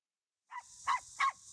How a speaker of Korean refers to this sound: 작은 강아지 한 마리가 놀이터 기둥에 묶여 있고 낯선 사람을 향해 연신 짖어댑니다. 기둥에는 유기 중이라는 문구가 적힌 종이가 붙어 있고 새 주인을 찾는다는 내용이 적혀 있습니다. 지난 1일 충북 청주에서 견주가 대낮에 강아지 한 마리를 버려둔 건데 당시 청주에는 폭염 경보가 내려졌고 낮 기온이 35도를 넘었습니다.